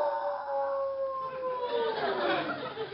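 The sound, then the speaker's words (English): A long wolf howl holds one steady pitch, then slowly slides downward over a hissy, noisy background, carrying on without a break. “Wolves? Yes, but they won't attack you unless they're hungry.”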